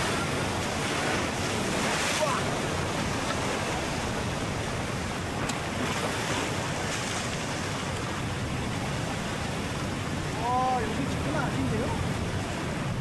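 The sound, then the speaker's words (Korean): Heavy ocean swell crashes continuously, a dense roaring wash of surf and wind with no breaks, steady and loud throughout, with a faint voice-like murmur surfacing briefly near the end; strong swell at a spot untouched by people where gooseneck barnacles grow and barnacle fishermen work. “사람의 손길이 닿지 않고 강한 너울이 치는 곳에 크고 질 좋은 거북손이 있습니다. 그래서 파도에 부딪히는 건 필연적입니다.”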